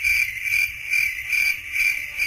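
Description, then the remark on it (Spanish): A steady chorus of crickets chirping in a high, shrill trill, swelling in regular pulses about twice a second, with no voices or other sounds. “Se hizo un silencio donde solo faltaba el sonido de grillos de fondo.”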